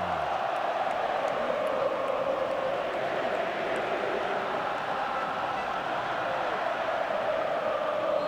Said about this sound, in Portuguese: Agora a torcida vem junto. Ouça um pouquinho do MetLife, ó.